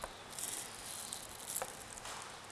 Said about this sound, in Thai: หั่นอย่าเล็กมากไปเพราะว่าเดี๋ยวไข่มันจะเละนะคะเราหั่นเพื่อให้มันเป็นชิ้นเล็กๆหน่อยนะคะ